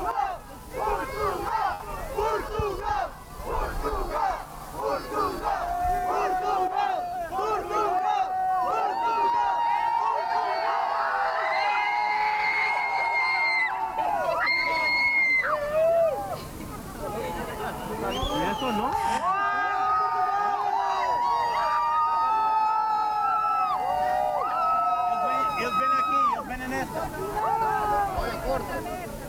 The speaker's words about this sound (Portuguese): Não sei se estavam a ouvir o som. Estávamos a ouvir bastante bem, ouvia-se os adeptos a gritarem pelo nome de Portugal.